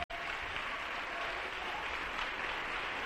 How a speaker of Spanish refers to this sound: Dele un aplauso al Señor en este día. Bien fuerte.